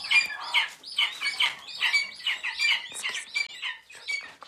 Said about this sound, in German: Knopfaugen, unfassbar flauschig, sehr laut, wenn sie hungrig sind. Schreiadlerküken. In Potsdam werden über 20 davon per Hand aufgezogen.